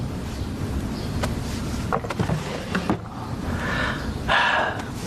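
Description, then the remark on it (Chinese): A drawer slides open as Mao Zedong takes something out of it, with a few soft knocks and rattles, then a brief scraping rush of friction, all over a steady low background hiss with no one speaking. “毛泽东从抽屉里拿出一样东西。”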